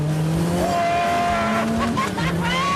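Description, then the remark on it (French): A 35-year-old turbocharged French Maxi Turbo sports car from the 1980s accelerates hard: a loud, continuous engine roar that climbs in pitch, briefly drops as it shifts gear, then climbs again over about three seconds. “C'est l'exemple parfait de ce que peut faire un turbocompresseur.”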